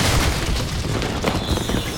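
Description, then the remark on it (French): A loud, sustained thunderclap from lightning striking a seed cannon, a heavy booming crash with deep low rumble and crackling noise that stays intense for the whole stretch, with no voices. “La foudre est tombée sur le canon à graines.”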